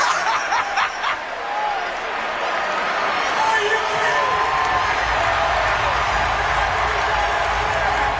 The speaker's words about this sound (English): You can't hear her sing, though. The crowd's way too loud. The crowd's loud. This guy's talking over it.